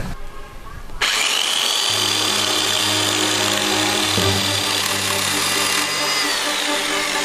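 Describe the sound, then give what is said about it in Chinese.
An electric chainsaw belonging to a hundred-year-old carpenter, taken to the market that morning for repair, starts abruptly after a brief quiet moment and runs loud, holding a steady high-pitched motor whine with a harsh buzzing edge until the end. “爷爷今天早上是去集市上修他的电锯去了。”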